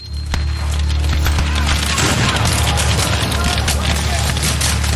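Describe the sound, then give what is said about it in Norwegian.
Loud, continuous battle din with repeated heavy booms and crackling blasts, like cannon fire mixed with splintering impacts, dense throughout: cannons heard by soldiers of the 15th Wisconsin regiment advancing through thickets and trees. “De hører kanoner, men har ingen kanoner å svare med.”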